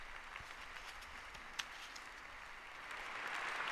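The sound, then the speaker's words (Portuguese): The audience in the large auditorium of the Rimini Fair applauds Bernhard Scholz's greeting to the Pope at the Meeting for Friendship among Peoples: a dense crackling wash of many hands clapping together that holds even and swells slightly toward the end, with no voices heard. “Também muito aplaudido pelos presentes.”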